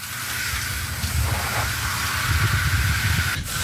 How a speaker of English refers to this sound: Gonna clean that off. Just to let you know, I've turned the power off in the house. That's what I found underneath. Gonna clean it off with a brush, and the air conditioner will be extra happy.